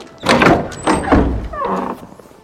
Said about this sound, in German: Öffnet die Tür. Für sowas habe ich wenig Zeit. Tür auf.